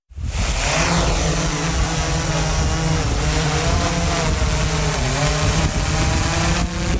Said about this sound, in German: So tönt eine Drohne.